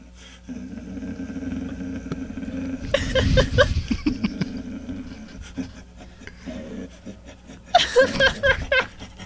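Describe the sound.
A man imitates a dog with gruff, growling barks and panting, delivered in two loud, rapid bursts separated by quieter grunts over a steady low hum.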